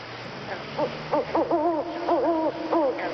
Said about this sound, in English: What was that? Well, that was just an owl. You don't have to be worried.